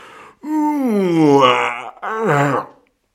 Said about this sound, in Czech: Zívl obr, vstal a protáhl se.